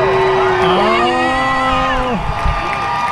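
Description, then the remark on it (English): A crowd cheers and whoops loudly, with several sustained, rising and falling voices ringing out over a steady roar of noise before trailing off. “There's people cheering too, but that audience was empty.”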